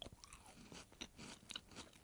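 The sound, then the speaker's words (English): Crunching and chewing of a crisp chocolate Biscoff bar with crunchy bits, eaten in a studio, with sharp crackly bites repeating every half second or so, loud, with no talking. “Well, it's got crunchy bits in it.”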